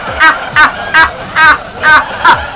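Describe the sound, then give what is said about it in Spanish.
A person imitates a goose, letting out six nasal, squeaky honks in a steady rhythm, fairly loud, with short gaps between each call. “Ya te lo pareces tú un ganso”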